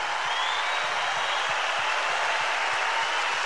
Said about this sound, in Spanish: La Quinta Vergara aplaude a un comediante extraordinario que tiene oficio, que siempre ha recorrido todo Chile.